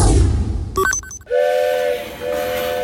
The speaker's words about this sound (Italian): Il treno.